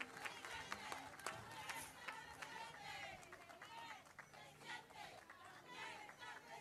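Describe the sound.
An audience applauds steadily for a senator, a dense wash of clapping mixed with crowd voices and cheering that holds at a fairly even level for several seconds.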